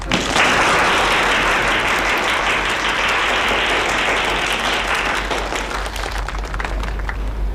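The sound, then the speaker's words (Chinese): Sustained applause from a sizable audience welcomes a factory director on the last day of a factory propaganda troupe before it disbands. It is a dense wash of many hands clapping at once, loud and steady throughout without a break, with no voices standing out. “同志们，今天是咱们宣传队解散前的最后一天了，许厂长呢是百忙之中抽出时间来看望大家，咱们掌声欢迎。”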